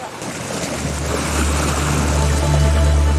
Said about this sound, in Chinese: 湛江历时3个多月的南海海域伏季休渔结束，开海的喜悦伴随着马达轰鸣响彻渔港，大大小小的渔船一起驶出码头，迎着海风奔赴辽阔的南海